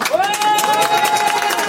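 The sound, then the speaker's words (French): A crowd claps and cheers loudly and steadily, with a long high whistle rising and holding above the applause, as the audience votes by applause meter. “On va faire l'applaudimètre. À l'applaudimètre.”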